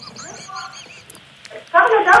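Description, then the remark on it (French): A run of harsh, nasal seagull squawks, several short repeated calls, then a louder, raspier burst of squawking at the end. “Vous déjeunez quoi? Une mouette. Une mouette fraîche, oui.”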